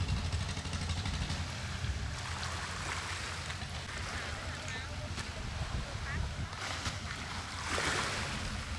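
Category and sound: vehicle, motorboat engine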